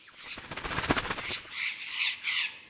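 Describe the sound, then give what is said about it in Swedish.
A sudden flurry of rapid wing flapping from a flock of blue parrots with multicoloured wings in a tree on a very hot day, followed by a few harsh, scratchy squawks. Moderately loud, with no talking. “Då flaxar det till i ett träd.”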